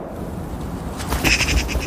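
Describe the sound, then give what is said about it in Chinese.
A golden eagle calls in a quick run of sharp, high yelps about halfway through, rising clearly above a soft, steady outdoor wind hush, having found the carcass of an animal killed in an avalanche. No one speaks. “金雕也发现了这只异灵。”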